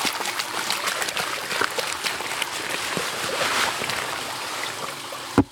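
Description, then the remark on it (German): A bucket of soil is tipped into a blue barrel of water for flotation, so that charred plant remains float up. It makes a steady rushing, gurgling splash for several seconds, ending with a brief knock. “Der tatsächlich spannende Moment ist, wenn man dann den Kübel ins Wasser kippt und wie gesagt das Unsichtbare sichtbar wird.”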